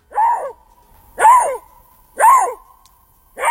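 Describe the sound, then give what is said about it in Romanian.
A Eurasian lynx calls four times in a forest at night, each a loud, harsh, bark-like cry about a second apart, with no other voices and a faint steady hum between calls. “Dar acolo, dar acolo unde trăiește acest animal, e posibil să fie și lupi. Râs? Da!”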